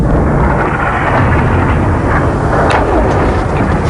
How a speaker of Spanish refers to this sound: Y por otra parte, ayer Irán también atacó por primera vez desde que entrara en vigor esta tregua, Emiratos Unidos Árabes, lanzando varios misiles y drones que causaron estas explosiones.